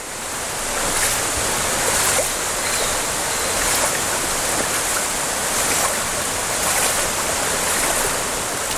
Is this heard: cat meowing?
no